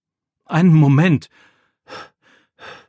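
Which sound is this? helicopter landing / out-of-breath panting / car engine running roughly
out-of-breath panting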